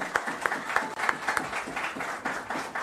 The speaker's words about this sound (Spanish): Sin que pueda acercarse, quiero dar la bienvenida al alcalde de Quito, Pavel Muñoz. Decimos con un fuerte aplauso también.